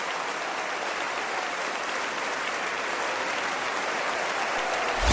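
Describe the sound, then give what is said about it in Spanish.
A large crowd claps steadily and loudly for several seconds in worship, a dense, continuous wash of hand claps that swells slightly toward the end, with no voices standing out. “Dale fuerte esas palmas al Rey.”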